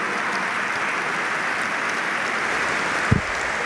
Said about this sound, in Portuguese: Mais aplausos dos delegados que têm estado mais atentos do que estamos a aplaudir.